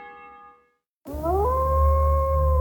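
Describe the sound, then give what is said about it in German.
After a fading musical tone and a moment of silence, a wolf lets out one loud howl that rises in pitch and then holds steady over a deep rumble, opening an advert for the painting firm Malerfachbetrieb Wolf in Gerbrunn. “Verstärke unser Wolfsrudel.”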